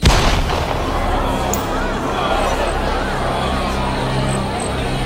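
A sudden, loud, deep booming roar like thunder or a huge beast crosses the jungle, bursting in at once and rumbling on steadily for several seconds with an eerie, unnatural weight.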